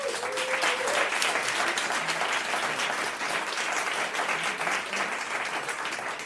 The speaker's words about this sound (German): bitte großen Applaus.